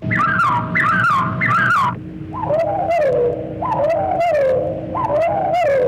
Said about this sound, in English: First, the After Chicago theme of the Carolina wren, given here as After Chicago.